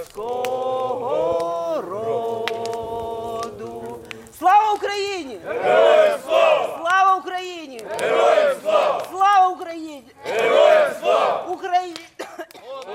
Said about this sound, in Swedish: Men runt brasan här framför mig så står det ett gäng ukrainska soldater och kikar upp på stjärnhimlen. De har precis skickat upp röda papperslyktor och de sjunger Ukrainas nationalsång.